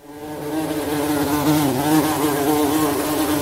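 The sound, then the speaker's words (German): A mosquito's thin, steady whine drones inside a studio, its pitch wavering slightly as it hovers, filling the whole stretch without any talking. “Ja, wenn er die so hört, im Hintergrund vielleicht, im Sommer, ich habe jetzt da noch nicht gekriegt, aber die ist irgendwie reingekommen, obwohl ich Fliegegitter habe, ist die da drin und ich weiß nicht, wie ich sie rauskriege.”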